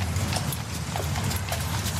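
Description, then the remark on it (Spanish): Horse-drawn carts carrying all kinds of goods (tools, sand and stones for construction, sacks of grain, amphorae, fruit, wood) clatter along a street, hooves clip-clopping in a steady rhythm over a low rumbling drone of wheels, with a busy background wash and no talking. “Y ese sonido que escuchas es el de los carros que llevan todo tipo de mercancías.”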